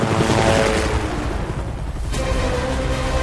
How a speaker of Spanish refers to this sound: El helicóptero vuela por encima del recinto con Natasha colgando debajo de él. Las explosiones que se producen abajo sacuden el helicóptero mientras el muro de nieve se acerca rápidamente a la prisión.